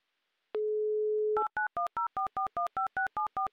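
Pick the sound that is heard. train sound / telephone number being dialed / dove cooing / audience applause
telephone number being dialed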